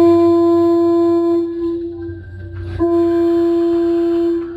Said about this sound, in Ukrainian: І тут він почув протяжний гудок.